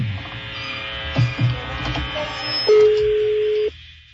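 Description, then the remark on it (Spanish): A phone call being placed: a few quick dial tones, then a steady electronic ringback tone holding for about a second before cutting off, over a faint buzzing hum. “Bueno, está sonando el teléfono.”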